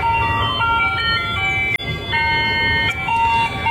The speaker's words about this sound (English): Yes, I hadn't heard this since I was a kid. That is an ice cream truck.